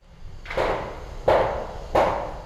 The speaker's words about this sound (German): Der Kran schwenkt über den Rohbau. Beton, Gerüste, Baulärm. Die Wasserstadt Limmer im Nordwesten Hannovers ist ein neues Quartier auf dem früheren Kontinentalgelände.